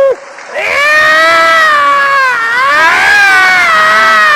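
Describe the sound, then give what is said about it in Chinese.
A person imitates a yowling cat with one long, loud, drawn-out cry that wavers and bends in pitch for several seconds, with faint crowd noise behind. “妈，妈，我给你学一猫叫。”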